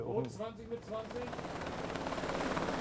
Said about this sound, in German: Insgesamt 10-mal landet und startet der 11 Tonnen schwere Hubschrauber auf dem schwankenden Stahl. Die Übung verläuft reibungslos.